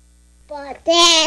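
A baby girl babbles in two short bursts, a soft coo followed by a louder, higher-pitched vocal squeal.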